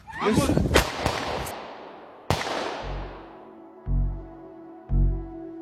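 three pistol shots fired

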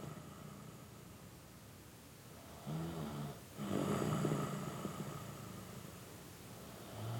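man snoring

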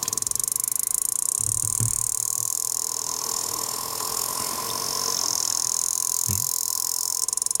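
sperm whale clicks

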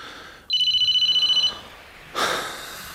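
phone ringing

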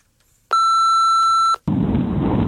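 voicemail beep

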